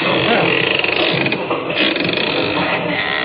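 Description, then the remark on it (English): A door creaks open slowly, a loud, grinding groan of hinges that drags on for a few seconds with a rough, ratcheting texture. “And a good thing, too, or they'd have seen that door open.”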